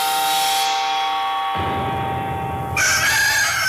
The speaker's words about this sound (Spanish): En ese momento, un gallo cantó.